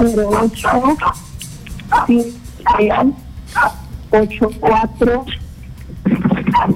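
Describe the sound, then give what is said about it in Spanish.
A small dog barks and yips repeatedly in short, sharp, high-pitched bursts, fairly loud, with talking mixed in during a phone consultation. “Que se calle un ratito el perrito, por favor.”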